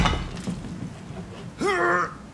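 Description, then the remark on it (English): A couple of heavy, knocking hammer blows thud against a wall amid a low rumble of debris as a wall in a doer-upper home is knocked down to make it open plan, followed by a brief voiced exclamation near the end. “When your husband's got his heart set on making the doer-upper open plan, enjoy every thudding second of it.”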